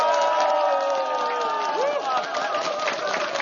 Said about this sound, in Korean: 자, 우리 같이 한번 함성 박수로 다시 한번 시작해 볼까요?